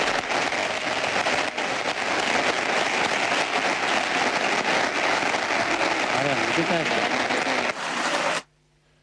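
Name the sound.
audience applause and ovation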